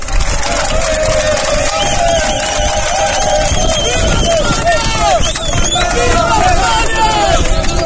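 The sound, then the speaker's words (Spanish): A large crowd of about 300 North African migrants, escorted by police, shouting chants of "Viva España", many voices overlapping in loud, sustained cries that rise and fall together over a constant roar of hubbub, with no pause throughout. “21 días después de la invasión por la frontera se volvían a escuchar los mismos gritos que oíamos aquel día 30 de julio.”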